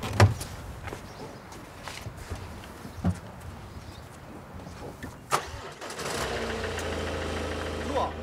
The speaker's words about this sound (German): Innerhalb von wenigen Sekunden ist das Problem bereits gelöst. Das Auto läuft wieder. Da war jetzt erstmal die Batterie leer.